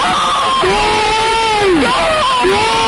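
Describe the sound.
A dense, loud football crowd roar fills the whole stretch, with sustained yelling voices rising and falling over it, as Zaragoza fans erupt to cheer a goal by Nayim.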